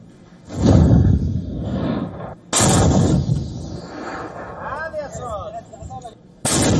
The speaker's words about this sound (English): Loud explosions rattled Riyadh on Monday as the Houthis said they hit the Saudi capital's King Khalid International Airport, as well as an Aramco refinery and other targets in the kingdom's south.